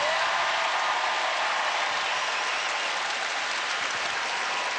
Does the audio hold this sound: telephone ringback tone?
no